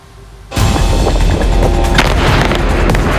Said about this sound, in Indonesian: Sebuah ledakan besar terlihat di Lebanon Selatan pada Sabtu. Kantor berita Lebanon NNA menyebut peristiwa ini terjadi di kota Natatieh dan belum diketahui apakah ada korban jiwa dalam serangan yang dilakukan oleh Israel tersebut.